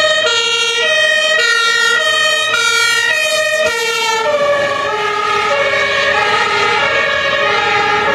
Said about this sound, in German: Ein paar Minuten später sitze ich dann mit meinen Kameraden im Löschfahrzeug und fahre mit Blaulicht und Martinshorn zum Einsatzort.